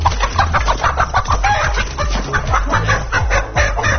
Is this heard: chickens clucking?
yes